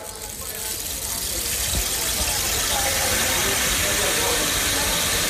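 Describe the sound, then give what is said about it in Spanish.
A rain stick, a theatrical sound-effect rain machine moved from side to side, pours out a dense, hissing patter like falling rain, swelling in over the first second and then holding steady, fairly loud. “Por ejemplo, pensemos en las máquinas de lluvia, lo que se llama el palo de lluvia.”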